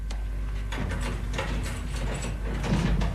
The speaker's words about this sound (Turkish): Levendim, aç şu kapıyı.